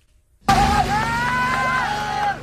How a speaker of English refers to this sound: Cheers and cries heard as the remaining four men trapped inside a cave in Laos for more than a week are finally free. This video capturing their emotional reunion, families tearfully embracing.